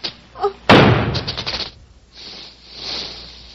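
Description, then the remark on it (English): A single loud gunshot, fired at a snake and killing it, cracks out suddenly, its sharp blast trailing into a rough, rumbling decay that fades over about a second, followed by a softer hiss of background noise. “I shot the snake.”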